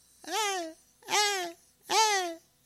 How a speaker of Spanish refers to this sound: al lado mis ñaños están gritando, mis ñaños, mis ñañas están gritando. ¡Ah!